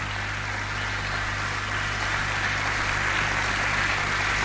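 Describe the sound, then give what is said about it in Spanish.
A large crowd applauds the Lord loudly and continuously, a dense steady wash of clapping that fills the whole moment with no voices standing out, accompanied by a low steady hum. “Denle un aplauso al Señor. Apláudele fuerte al que vive.”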